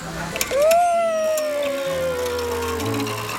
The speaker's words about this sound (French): Toudou choisit de monter dans le camion de pompiers parce qu'il y a un volant qu'il peut tourner et un bouton rouge sur lequel il peut appuyer et qui déclenche la sirène des pompiers.